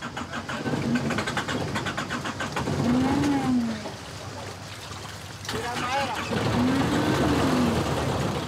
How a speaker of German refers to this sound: Doch der Motor springt nicht an.